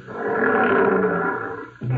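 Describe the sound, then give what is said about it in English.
A deep, sustained roar from lions about 15 feet away rumbles for nearly two seconds, loud and full, fading slightly before another roar abruptly begins at the end. No one speaks. “Oh, here come the lions.”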